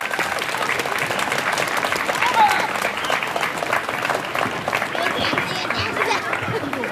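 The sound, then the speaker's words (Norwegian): Sustained applause from pupils and other attendees at the official opening of a new schoolyard in Honningsvåg, welcoming mayor Jan Morten; a dense, steady crackle of many hands clapping at once, fairly loud, with faint crowd voices mixed in. “Men jeg bare en skarve rektor, jeg kan ikke åpne noen skolegård eller klippe noen snor, derfor så må alle sammen gi en varm applaus til ordfører Jan Morten.”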